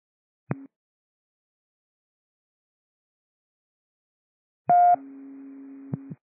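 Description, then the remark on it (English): A short electronic tone blip, then after a pause a louder burst followed by a steady sustained radio tone with a brief click near its end: dispatch cancellation tones for Battalion 1, with no talking. “Battalion 1, these are cancellation tones.”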